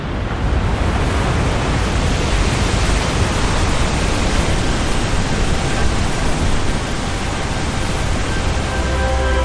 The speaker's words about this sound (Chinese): 在湿季的汛期，每秒约有5000吨的河水从维多利亚瀑布倾泻而下。